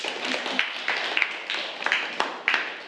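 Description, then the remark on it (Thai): A group of students claps for classmate number 9 after an answer in a lesson, a steady wash of overlapping hand claps with a few sharper, louder claps popping out now and then, lasting about three seconds. “ค่ะปรบมือให้กับตัวแทนเลขที่9ด้วยค่ะ”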